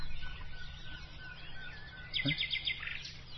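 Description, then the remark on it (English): Wild birdsong rings out outdoors at sunrise, with a bird identified as a wren delivering a quick series of high, bright chirping notes over a low background rumble. “… points out the birds as I fail to recognise their songs.”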